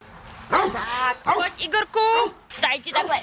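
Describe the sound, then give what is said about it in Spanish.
Several dogs at an animal shelter in Trutnov, Czech Republic, bark and yip in quick, overlapping bursts, loud, with a few whiny, drawn-out howls mixed in, during hot summer days. “En un albergue para perros checos se están preparando nuevamente para los días calurosos del verano.”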